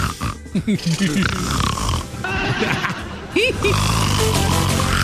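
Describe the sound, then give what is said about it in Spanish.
Donald Trump snoring in a video: loud, rough rasping bursts, mixed with people talking over and around it. “Y salió Donald Trump ahí. Roncando.”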